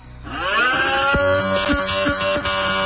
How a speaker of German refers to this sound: Ich würde sagen, das ist ein Formel-1-Auto. Und das ist richtig!